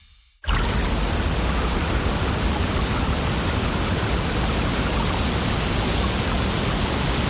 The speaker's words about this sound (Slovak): To bolo zalievanie kávy.